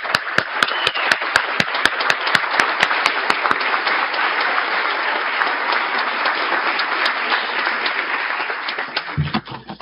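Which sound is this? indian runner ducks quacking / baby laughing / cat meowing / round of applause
round of applause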